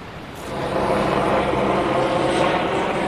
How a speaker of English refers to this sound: Helicopters pass every few minutes, moving personnel, supplies, in some cases bodies.